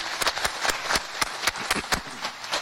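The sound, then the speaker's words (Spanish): A crowd at the Basílica Santuario applauds as a welcome for Father Cabañas, in a steady rhythmic beat, sharp claps landing about four times a second over a dense wash of scattered clapping, with no voices standing out. “Yo creo que se merece también un fuerte aplauso como bienvenida.”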